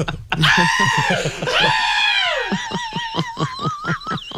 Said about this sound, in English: Jeez, those screams are getting louder.